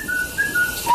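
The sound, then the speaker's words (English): A short phrase of clear, flute-like whistled notes, about four of them, fairly loud, with the last note dropping lower as the tune ends, closing a sung theme song. No one speaks. “I was waiting for the flute, the whistle at the end.”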